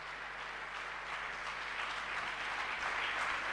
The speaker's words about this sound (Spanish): un fuerte aplauso para los cantautores y trovadores mendocinos en esta segunda noche del Cantar Opinando.